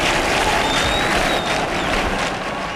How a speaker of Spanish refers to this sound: Y aquí las palmas en el exterior.